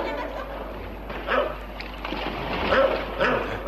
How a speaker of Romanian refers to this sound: Ce-i cu câinele ăsta? E din ce în ce mai furios.